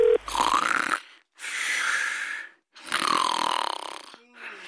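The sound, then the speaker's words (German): Three loud, drawn-out rasping snores from someone who has fallen asleep during a phone call, each lasting about a second with short pauses between, carrying a droning, voiced tone and ending on a fourth snore that begins to rise. “Du bist ja schon wieder beim Telefonieren eingeschlafen.”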